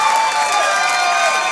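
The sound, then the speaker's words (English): A large audience laughs and claps together in a steady, loud wash of crowd noise that holds without a break for the whole moment, with no single voice standing out. “Ladies need to pay very close attention to men who are not laughing or clapping right now.”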